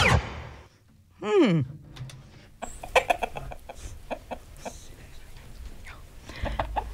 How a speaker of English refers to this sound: Yes, there's a chicken. Here's a chicken.